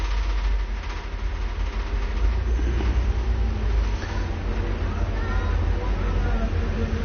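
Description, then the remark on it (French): Steady city traffic rumbles on Boulevard Saint-Germain, a dense low roar of passing cars, motorbikes and vans, including a red car and a post office van turning into rue du Four, with occasional motorbike-like revving, continuous throughout, with indistinct voices murmuring in the street background. “Des motos, des voitures.”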